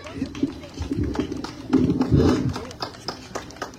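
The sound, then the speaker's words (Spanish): An audience in the Pasco region of Peru, Oxapampa province, breaks into steady applause for the director of CITE Agroindustrial Oxapampa, a dense patter of many hands clapping that swells in the middle, then thins into scattered claps toward the end, with a low murmur of voices underneath. “Fuerte las palmas, por favor, para él.”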